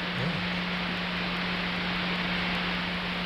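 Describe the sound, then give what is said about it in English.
Dense, steady hiss of DAB radio signal noise picked up with a very basic antenna, like rushing rain, running unbroken for a few seconds with a constant low hum beneath it and no voices. “So it's not ideal, but it allows us to kind of listen to what the DAB thing does at the moment.”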